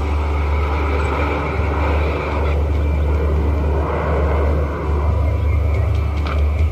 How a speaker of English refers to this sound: There's another aeroplane!